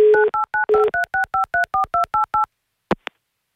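A rapid run of about a dozen touch-tone telephone dialing beeps, evenly spaced and clear, followed by a short pause and a couple of brief clicks as the call connects, as the Avtoradio station phones a woman.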